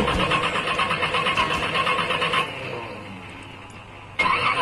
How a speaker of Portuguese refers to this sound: O motor tá desse jeito, então como diz o meu amigo o mestre Mirão Cleto, tamale-male.